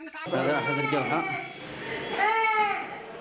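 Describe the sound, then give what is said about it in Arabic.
A child in Yemen, distraught at what he saw done to inmates of the Al-Hazm reformatory after an airstrike, wails and sobs loudly in distress, two long strained cries with a brief catch of breath between them, raw. “ما كان لهذا الطفل المفجوع لهول ما رأى بحق نزلاء إصلاحية الحزم المثخن بجراح العدوان أن يصرخ ويبكي بألم وحرقة ثم لا يجيبه أحد؟”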